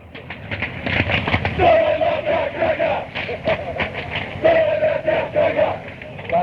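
A big crowd of football supporters chants together in a stadium, a loud, echoing mass of voices holding sung notes over a constant roar, with rhythmic swells throughout.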